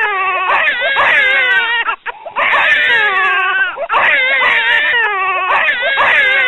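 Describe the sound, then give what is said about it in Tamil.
Newborn babies, just delivered in a hospital delivery room, wail loudly and without letup, high-pitched cries rising and falling in long strained bursts, broken only by two brief catches for breath. “சிறிது நேரத்தில் குழந்தைகளின் அழுகுரல் கேட்டது.”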